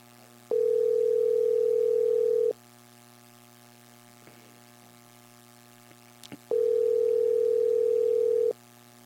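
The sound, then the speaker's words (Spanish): Two long, steady telephone ringback tones, each about two seconds, separated by a few seconds of quiet line hiss, heard clearly while the radio news programme La Voz del Pueblo places a call at 8:33 in the morning and waits for it to be answered. “Estamos llamándole, ¿eh?”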